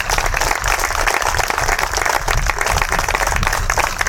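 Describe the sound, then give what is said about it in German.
Sustained applause from a crowd at the award ceremony of the southern preliminary group of the Saxony-Anhalt state football championship of workshops for disabled people, a dense, steady wash of many hands clapping at once, loud and continuous with no pauses and no voices standing out. “Erstmal einen großen Applaus an alle.”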